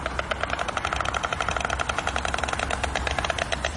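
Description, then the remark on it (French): A stork clatters its bill in a fast, steady wooden rattle, dry knocking pulses repeating evenly for several seconds with no voices over it. “Le craquettement des cigognes, on peut encore l'entendre à certains endroits en Ukraine malgré le sifflement et la fureur des missiles.”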